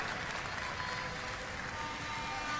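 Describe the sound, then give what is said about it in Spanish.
Steady, dense applause from an audience welcoming Juan Carlos Zabut, mayor of Machalí in the O'Higgins region, and deputy Antonio Rivas: a continuous wash of many hands clapping at an even level for the whole stretch, with no voices standing out. “Más fuerte el aplauso.”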